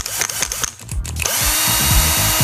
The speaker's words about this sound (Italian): E allora mi dite, Sile, un trapano a batteria, Alessandro da Modena. È un trapano.